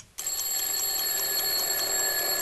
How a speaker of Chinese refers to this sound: 明天你早班可别忘了上闹钟啊。 我上了。哎，可是妈，你说会不会一个闹钟不行啊，万一不响怎么办呀？ 那妈明天再给你再买一个闹钟去，两个总会好一点。